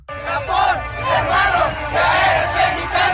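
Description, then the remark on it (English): A large crowd of Mexican football fans, with a Japanese fan in their midst, chants loudly in unison, voices rising and falling in rhythmic swells that fill the whole clip with no pauses. “It's literally an ocean of mexicanos y un japonés en medio.”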